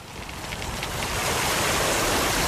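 A summer bonfire crackles and hisses in a dense, steady wash of noise with faint snapping pops, swelling slightly louder over the first second and then holding, with no voices.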